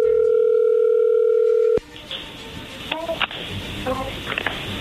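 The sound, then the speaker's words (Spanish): A telephone line tone as a phone call is dialed and goes through, a loud, steady electronic hum of a few pitches, holds for nearly two seconds, then cuts off abruptly into faint line hiss with a few soft chirps. “A ver, márcala. Ahí ya entró la llamada.”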